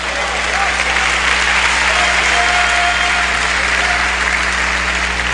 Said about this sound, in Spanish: Denle fuerte el aplauso al Señor, hermanos.